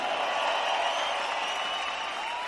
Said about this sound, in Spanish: ¡Que sigue ese aplauso chido para estas grandes cantantes rock and rolleras!